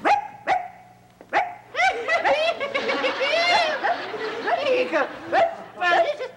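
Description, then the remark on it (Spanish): A person imitates a small dog's bark, likened to a chihuahua, with a rapid string of sharp, high-pitched yaps and yips, loud, sounding strained and nasal, with brief pauses between bursts. “Pareces perro chihuahueño.”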